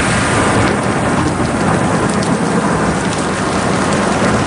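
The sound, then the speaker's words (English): Heavy rain pours down steadily in a dense, loud wash, with the deep rumble of thunder rolling underneath throughout a monsoon-style storm. No voices are present. “When it happens, you know why it is they call it the monsoon.”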